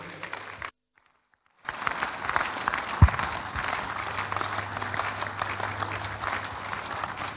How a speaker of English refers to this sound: For all of these amazing testimonies, please celebrate Jesus some more, and please rise on your feet and let's keep clapping for this great God.